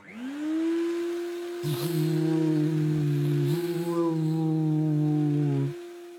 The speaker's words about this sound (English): A robot hoover, that's what he needed. Henry switched it on.